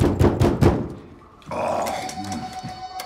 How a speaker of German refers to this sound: Macht ja unsere Tür kaputt.